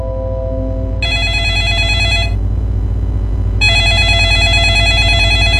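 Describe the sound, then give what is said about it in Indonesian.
A telephone rings in two clear bursts, each about a second long with a pause between, loud over a steady low hum, with no talking. “Pernah dapat telepon dari orang yang tidak dikenal, tapi saat diangkat, hanya ada keheningan.”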